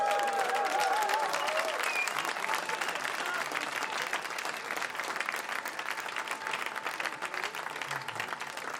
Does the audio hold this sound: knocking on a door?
no